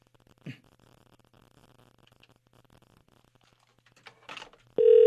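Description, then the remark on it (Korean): A couple of short clicks and rustles over a quiet low hum, then a loud, steady telephone tone starts abruptly near the end as a call is dialed and rings out, placed by a Far East Broadcasting radio program to a listener's son. “자, 신호 가고 있습니다.”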